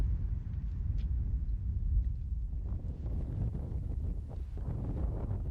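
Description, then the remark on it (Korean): Steady, roaring wind blows over a desolate high mountain basin where the temperature drops sharply, buffeting the microphone with heavy low rumble, a continuous gusty howl with no voices, loud throughout. “기온은 뚝 떨어지고 바람소리 외에는 아무것도 들리지 않는 적막한 땅 한가운데 움푹 패인 분지가 드러납니다.”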